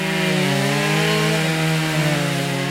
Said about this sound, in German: Hier hat sich zum Glück kein wütender Wespenschwarm über mein Aufnahmegerät hergemacht. Das sind nur die Kettensägen von zweien der 22 Kunstschnitzer, die vergangenes Wochenende in Altenkessel zu Gast waren.